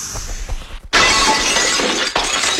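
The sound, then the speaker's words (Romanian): A mirror shatters suddenly and loudly after a low rumbling lead-in, followed by a bright, sustained cascade of breaking glass, with a second crash of falling shards near the end. “Să spart oglinda!”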